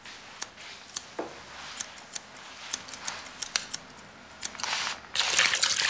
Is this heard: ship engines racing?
no